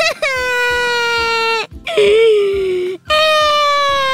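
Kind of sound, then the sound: human body sound, whimpering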